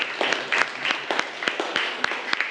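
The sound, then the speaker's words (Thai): A class of students applauds a classmate who has just answered a question in a lesson, with many overlapping claps forming a dense, crackling patter with irregular sharp peaks. The applause is steady and moderately loud, with no talking. “โอเคขอเสียงปรบมือให้เพื่อนหน่อยครับ”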